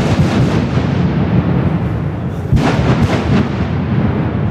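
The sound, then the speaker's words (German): A blast marking the official start of construction of the new Las Ruinas tunnel on the Lokmanierstrasse: a loud, continuous low rumble, with a sharper burst and a sudden surge of rumbling partway through. Nobody speaks. “Natürlich nicht mit einer Pistole, der Bau hat mit einer Sprengung angefangen.”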